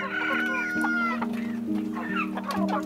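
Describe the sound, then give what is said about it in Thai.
Fighting-cock roosters, bred by a family in Nakhon Phanom province, Thailand, cluck and crow, with a drawn-out crow near the start and repeated clucking calls overlapping throughout, all over a steady background hum. “ตอนนี้พ่อทำอาชีพเพาะไก่ชนครับ”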